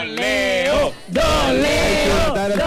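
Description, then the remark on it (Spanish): Loud cheering and applause as the grill master arrives: several voices whoop and yell in long sustained bursts, breaking off briefly for a moment before the shouting picks right back up. “Fuerte el aplauso para el parrillero.”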